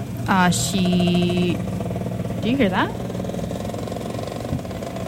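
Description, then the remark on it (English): A moped engine buzzes steadily at moderate loudness, its drone running throughout while a voice speaks briefly over it near the start; recorded in 2025 at a Dutch-themed pub in West Tokyo. “Oh yeah, that was someone's moped.”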